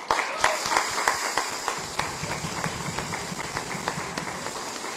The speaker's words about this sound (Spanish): Y también démosle un fuerte aplauso a la Virgen del Carmen.